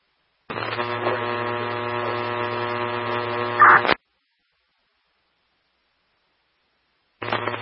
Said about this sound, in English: If that was traffic for River Como, I'm getting a static.